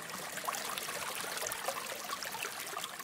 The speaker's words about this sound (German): Der Ursprungsbach, der den Wasserfall der Kraggerschlucht speist, fließt durch das Areal, auf dem zurzeit 28 Rinder wiederkäuen.